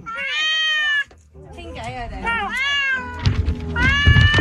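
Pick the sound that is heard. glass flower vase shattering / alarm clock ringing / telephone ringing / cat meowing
cat meowing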